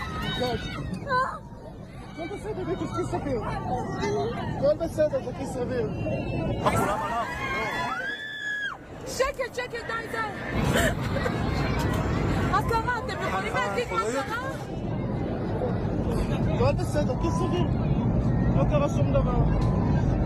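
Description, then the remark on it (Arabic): Panicked airplane passengers scream and shout together in a loud, continuous uproar as the plane plunges rapidly toward the ground, with piercing high shrieks rising midway over a steady cabin rumble. “هكذا هو صوت المسافرين عندما كانت تهوي الطائرة بشكل سريع جدا نحو الأرض.”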